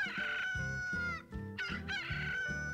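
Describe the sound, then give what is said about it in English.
A rooster crows loudly as the 'We Are Open' sign of Early Bird Bait Shop, its strained, wavering call stretching across the whole moment with a brief break in the middle, against a steady low background hum. “That there is our We Are Open sign.”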